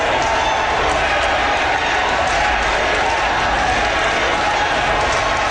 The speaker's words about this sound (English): Carrie Lynn Finley was elected on the fourth ballot with 51% of the vote. A crowd of supporters cheered and chanted Carrie Lynn's name once she was announced as the winner.